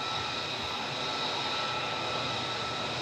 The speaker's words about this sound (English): There is also some testing going on here on the base, so there is quite the loud engine of an F-35 here nearby.